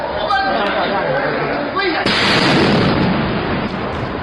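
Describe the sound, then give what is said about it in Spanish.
Indoor crowd chatter at Beijing airport in China is cut off by a sudden, loud explosion about halfway through, followed by a sustained roar of noise and debris until the end. “Segundos antes de la explosión, el hombre repartía volantes en el aeropuerto de Beijing, en China, y además vociferaba su queja contra las autoridades.”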